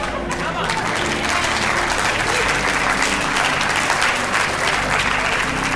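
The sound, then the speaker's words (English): A crowd listening to a sermon applauds steadily, dense clapping from many hands forming a continuous, fairly loud wash of noise that holds evenly for several seconds. “Those of you who just clapped, you showed that you don't understand what I've been preaching for the last 30 minutes.”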